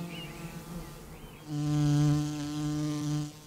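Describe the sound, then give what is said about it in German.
Honeybees buzz near a hive at an apiary with blooming blackberries behind it, a soft droning hum that suddenly swells into a loud, steady buzz as one flies right past, holding its pitch for a couple of seconds. “Hinter dem Bienenstand blühen Brombeeren. Eine ebenso üppige wie beliebte Nektar- und Pollenquelle.”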